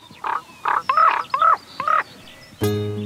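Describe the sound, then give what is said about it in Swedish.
A raven croaks five times in quick succession, hoarse and guttural calls, followed by a sudden sustained tonal note at the end. “Att korpen är intelligent, det är ju inte för inte som Odin ansågs ha två korpar, Hugin och Munin.”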